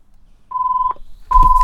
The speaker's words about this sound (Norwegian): Det ringer.